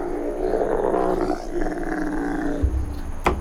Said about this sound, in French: Mais mon préféré, c'est le dromadaire.